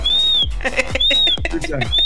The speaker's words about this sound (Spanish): Ese es el chiflido, primo, de que ya estamos al aire.